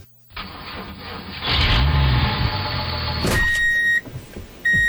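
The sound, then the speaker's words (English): The diesel engine of heavy construction equipment turns over and roars up to a loud, steady rumble, holding strong before easing off, with a couple of electronic beeps sounding near the end. “You hear the diesel.”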